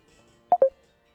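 Two short electronic telephone tones beep in quick succession as a listener's phone call is picked up on a radio show, clear against a quiet background with no talking.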